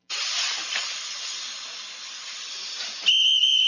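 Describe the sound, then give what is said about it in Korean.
A hand-cranked puffed rice popping machine, heated over a fire, has its lid opened and lets out its pressure in a steady, loud hissing rush lasting about three seconds, then a shrill, sustained whistle tone cuts in at the end. No one speaks. “기계는 진짜 굉장히 뻥 소리가 났는데 지금 너무 피식하네요.”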